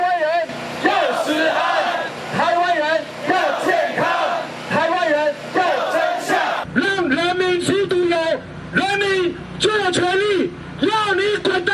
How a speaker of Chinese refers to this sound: 这么热的天气让人民走上街头，应该感到羞愧。今天的凯道就是民意的展现，人民发出怒吼，表达民意的不满以及对食安的期盼。